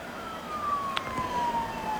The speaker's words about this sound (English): And we do hear an ambulance down in the background. That might be for this player, certainly coming this way.